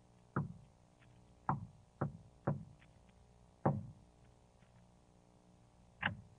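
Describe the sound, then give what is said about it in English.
Knuckles rap on the wooden door of a tea room six times in an uneven pattern: one knock, a quick run of three, another, then a final knock after a pause. The knocks are solid over a quiet hum. “Knock, Gerardo. Some of the men must be here by now.”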